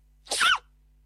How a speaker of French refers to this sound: La sensation Internet, l'adorable panda qui éternue.